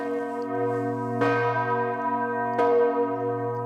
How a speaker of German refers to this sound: Je nach Tageszeit oder an Festtagen schwingen die Glocken unterschiedlich, zum Teil auch mit Glockenspiel.